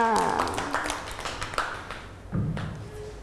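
Children in a class clapping their hands for a classmate at the teacher's request, a short, uneven burst of sharp claps, irregular and not in unison, with a brief voice at the start and light background murmur.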